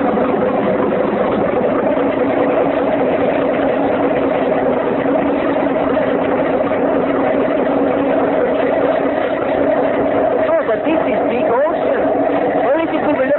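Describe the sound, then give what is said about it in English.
A motorboat engine, just started as the boat sets off, runs steadily and loudly for the whole stretch, a thick, continuous droning hum with a slight rattling texture and no pauses or changes in pace. “Oh, but it makes big noise.”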